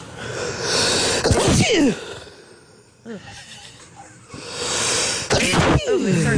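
Two loud sneezes, each with a sharp inhaled build-up and explosive release, separated by a quieter pause with breathy noise.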